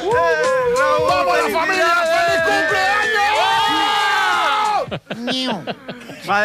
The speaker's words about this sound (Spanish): Madre mía, la que se junta aquí con todos mis amigos. Por favor, no gritéis tanto que me estáis saturando el sonido.